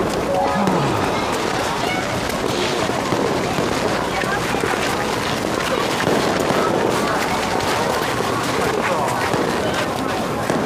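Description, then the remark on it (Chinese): Fireworks set off around Chinese New Year crackle and pop in a dense, continuous barrage. A brief whistling tone rises near the start, with faint voices mixed into the noisy, busy background. “哎，都放烟花了，有点过年的氛围了哈。”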